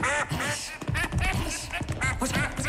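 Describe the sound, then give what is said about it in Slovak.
A duck quacks loudly and insistently, a rapid run of harsh, nasal quacks that keeps going without a pause for nearly three seconds. “Nie takej kačky, čo by mohla byť kráľovnou.”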